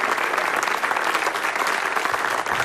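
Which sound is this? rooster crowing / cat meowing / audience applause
audience applause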